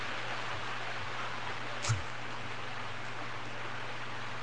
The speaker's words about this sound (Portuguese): barulhinho da chuva, né? Devia pedir chuva no telhado, né?